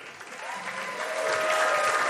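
Steady audience applause, a dense wash of clapping hands that holds at a fairly loud, even level and swells slightly toward the end, with a few faint tonal whistles or cheers riding on top.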